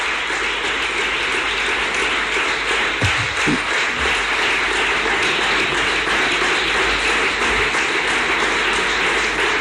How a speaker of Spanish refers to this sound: El aplauso más largo hasta ahora a Juanma Moreno en referencia a esa ley de garantía de sanidad pública que ha ofertado en este programa de gobierno que está presentando en el Parlamento andaluz cuando son las 12:44.